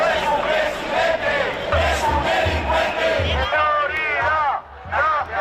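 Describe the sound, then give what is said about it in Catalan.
A large crowd of protesters at the March for Dignity in Spain chants slogans, insults and xenophobic cries in unison, demanding the resignation of Sánchez, loud shouted voices rising and falling in a steady rhythmic cadence, with a brief dip before the chanting surges again. “En proclames com aquestes, insults i crits xenòfobs, els manifestants han exigit la dimissió de Sánchez.”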